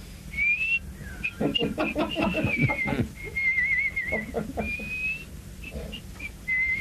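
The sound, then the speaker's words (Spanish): Someone whistles a wavering tune in short, high phrases, as an old man going out whistling at midnight in a comedy segment on Cadena 3 Argentina radio, with bursts of voices or laughter breaking in between, moderately loud. “Bueno, silbando, carajo,”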